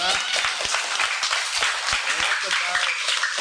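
A group of children clapping loudly for a boy, a dense rapid patter of many hands with sharp individual claps standing out, sustained at an even level throughout.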